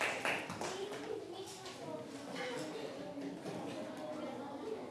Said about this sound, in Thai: เอาปรบมือให้เพื่อนหน่อย